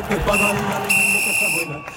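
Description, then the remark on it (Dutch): Two long, steady, high-pitched whistle blasts, the second following right after the first, sounding loudly over a noisy crowd murmur. “Wat was dat nou voor een geluidje? Een fluitje volgens mij.”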